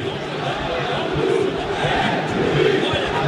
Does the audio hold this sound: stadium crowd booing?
yes